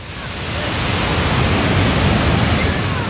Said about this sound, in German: das Rauschen im Hintergrund ist keine defekte Wasserleitung, nein, es ist Mutter Natur pur.